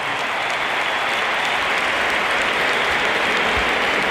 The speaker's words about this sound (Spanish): Aplausos para Bellingham y ahora vamos a escuchar la ovación que se va a llevar Carvajal porque sale por tren Alexander Arnold. Ahí lo tienen.